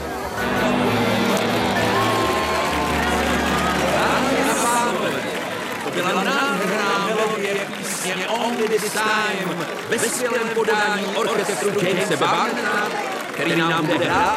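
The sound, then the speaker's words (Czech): Loud, dense chatter at Gatsby's house party on a Saturday evening, with many overlapping voices of a crowd of strangers blending into a continuous murmur that stays steady throughout, with no single speaker standing out. “Hodinu jsem bloumal v davu neznámých lidí a snažil se najít pána domů.”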